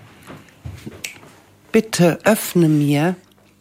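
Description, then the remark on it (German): A voice imitates the croaks of the frog in a fairy tale being told: soft clicks at first, then a few short, gravelly voiced bursts and one longer, drawn-out croak with a wavering pitch. “Er quakte:”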